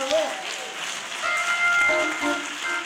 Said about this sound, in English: Yeah, come on, hand clap of praise. Hand clap of praise. Hand clap of praise. Hand clap. Hand clap of praise.